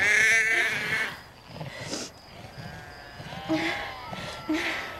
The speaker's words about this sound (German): Es tut mir leid, dass ich dich nochmal anrufe, aber das Schaf lammt und das schafft es nicht alleine.